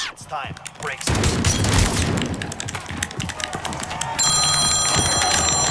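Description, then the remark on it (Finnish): Near the end, a mobile phone starts ringing with a call from the speaker's mother, a steady, high electronic ringtone that cuts through a busy, noisy background of clatter and chatter. “Mutsi soittaa.”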